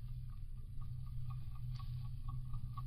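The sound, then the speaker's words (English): Steady, rapid ticking like an alarm clock, coming from inside the nose of a casing, a quick even run of light clicks, fairly soft over a continuous low hum, with no voices. “It's not buzzing, it's ticking.”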